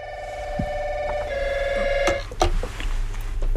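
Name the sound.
telephone ringing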